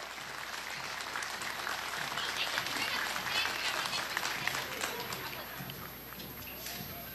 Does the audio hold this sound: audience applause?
yes